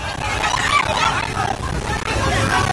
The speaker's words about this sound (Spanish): Este es el sonido del terror de la gente ante el torrente que ha arrasado muy poco tiempo viviendas, coches, árboles y que ha dañado infraestructuras de todo tipo, carreteras, puentes, centrales hidroeléctricas